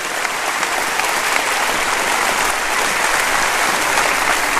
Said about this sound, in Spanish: Denles un buen aplauso a ellos. Bienvenidos.